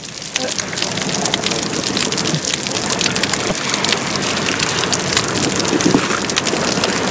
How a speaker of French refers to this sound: J'ai l'impression d'entendre la bouée. Elle nage près de la bouée jaune et c'est comme si de l'eau tapait sur une bouée.